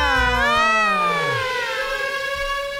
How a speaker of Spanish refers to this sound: Póngame la sirena, por favor. La sirena viene hacia mí.